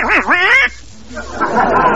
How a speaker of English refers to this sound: Well, chickens. Turkeys. A duck.